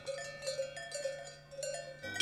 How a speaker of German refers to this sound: Und jetzt stellen Sie sich die Meglisalp mal im Sommer vor. Überall stehen Kühe rum und den ganzen Tag hört man das Glockengeläut rund um die kleine Kapelle Maria zum Schnee.